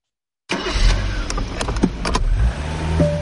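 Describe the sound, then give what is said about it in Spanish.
In a Quaker State motor oil advert, a car engine starts up and runs with a steady low rumble, punctuated by several sharp mechanical clicks and knocks; there is no talking. “Oye, sí, tú, no olvides que aquí voy contigo, cuidando tu motor. Así que maneja tranquilo que yo me encargo del resto.”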